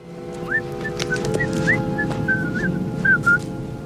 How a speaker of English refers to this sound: So I came up with this theme that used the Camptown Races, which was being whistled throughout the piece. John took this creative cue from the character of Richard, who's whistling it on the beach before burying Harry up to his head in the sand.